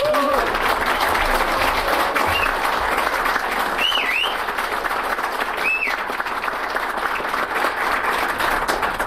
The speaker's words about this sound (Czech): jsem velmi potěšen, že mám tak silný aplaus. Děkuji.